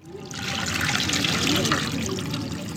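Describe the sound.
Steady sloshing and trickling water, close and fairly loud, as cloth is dunked and worked in a water-filled dye pit, continuous for a few seconds with a faint murmur of voices behind.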